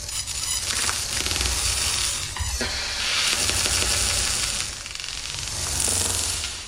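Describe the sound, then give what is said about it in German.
A dense, steady wash of crackling and hissing noise with faint chirping, clicking textures, fairly loud and continuous, with no voices; an electronic sound installation of electrical impulses and electronic sounds resembling cricket chirping, crackling campfire, raindrops and rushing water. “Elektrische Impulse und elektronische Klänge einerseits, aber auch Grillenzirpen, Lagerfeuer knistern, Regentropfen, Wasserrauschen.”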